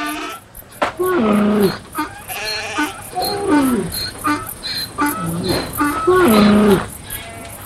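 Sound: goats and sheep bleating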